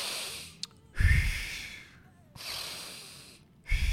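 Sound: deep inhalation and exhalation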